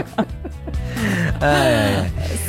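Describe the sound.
A person lets out a long, drawn-out yawn up close, starting with a sharp intake of breath and stretching into a wavering, voiced groan before trailing off.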